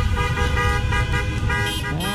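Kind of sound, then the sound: vehicle, car horns honking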